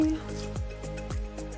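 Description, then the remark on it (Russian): Water drips and squishes as grated zucchini is squeezed to remove excess water before it is added to a dough, a few distinct drops falling at irregular intervals over a low, steady background hum. “Отожмем кабачок. И без лишней по максимуму воды тоже отправим сюда.”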